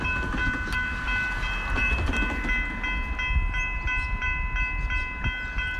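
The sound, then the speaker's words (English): A train rumbles steadily along the rails with a dense low-end roar, faint rhythmic clicks and a sustained high tonal whine from the wheels, with no voices. “Let's go train riding now and in Argentina.”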